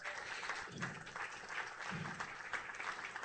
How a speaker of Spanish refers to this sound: Fuerte ese aplauso. Fuerte ese aplauso. Vamos.